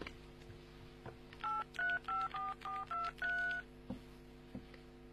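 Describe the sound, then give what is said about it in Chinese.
A quick series of seven electronic keypad beeps from a mobile phone dialing 803, each short dual-pitched tone separated by brief gaps, clear over a quiet hum. “把手机给我，我问问803去。”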